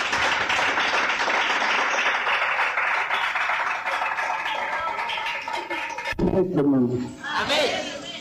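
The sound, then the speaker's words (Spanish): An audience applauds for God, hailed as their King, in a steady, dense wash of clapping for about six seconds, then it cuts off and a single voice begins speaking loudly over a faint murmur. “¡Aplausos a nuestro Rey!”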